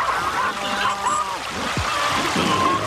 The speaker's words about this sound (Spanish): Mira, hijo, este río nos trae tantos beneficios, así como lo es Cristo Jesús, que es agua de vida eterna.